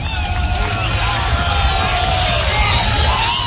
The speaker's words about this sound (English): And the crowd that's hung around here for nearly 3 hours, chilled to the bone, making some noise.